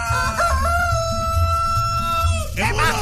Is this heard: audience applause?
no